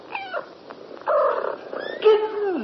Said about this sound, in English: Kittens! Four pretty little kittens. Dear me, it looks as though we're going to have to call you Delilah in future.